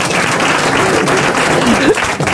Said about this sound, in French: Ça t'applaudit, ça, hein.